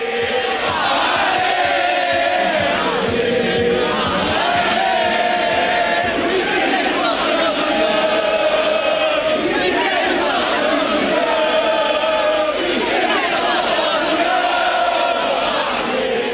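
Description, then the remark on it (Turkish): A large crowd of blue-and-white FC Porto football fans chants loudly and continuously in Porto, celebrating the league championship with fireworks and flares, many voices rising and falling together in sung, rhythmic phrases, with dense cheering and shouting filling the background throughout. “Havai fişekler, meşaleler ve tezahüratlarla şampiyonluğu kutlayan Portolular sabahın ilk ışıklarına kadar eğlenceyi sürdürdü.”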